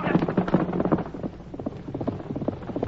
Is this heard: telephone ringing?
no